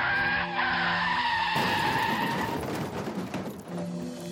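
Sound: car skidding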